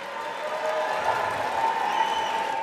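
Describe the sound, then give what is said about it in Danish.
A crowd in the US House of Representatives cheers and applauds after a 215 to 208 vote adopting a resolution to stop the war in Iran, a steady, dense wash of clapping and raised voices that holds at an even, fairly loud level without pause. “Ja, stor jubel.”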